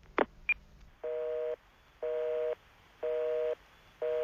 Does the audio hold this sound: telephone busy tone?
yes